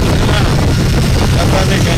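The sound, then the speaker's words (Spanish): A motorcycle engine drones steadily beneath loud, constant wind buffeting while riding, an unbroken roar with deep low rumble throughout; the rider wears a helmet with a visor. “Él va en moto, va en casco, va con su visera y tal, y por eso se escucha de esta forma.”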